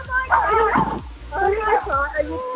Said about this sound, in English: Is that the dog barking in the background? Yeah, but it's army as well. Oh God, the dog's army.